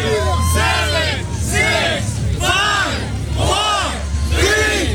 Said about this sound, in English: Well, with hundreds cheering him on, he not only went for the full minute, but finished with what appeared to be an effortless chin-up before dropping to the ground to the cheers of the crowd.